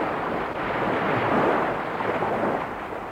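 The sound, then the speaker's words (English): A boat puts out to sea across open water, its steady rushing churn mixed with wind and surf, loud, swelling slightly in the middle before easing off. “Says the boat putting out.”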